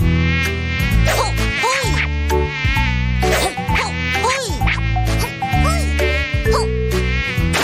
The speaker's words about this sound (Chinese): 你就放过咱家的苍蝇吧。 对呀，不是拍蚊子就是打苍蝇，你就不能消停一下吗？ 打完苍蝇，我还要抓蟑螂呢。